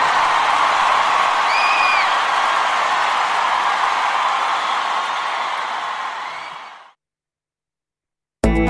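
A crowd applauds and cheers loudly and steadily, with a couple of whistles early on, before the noise fades away into silence near the end.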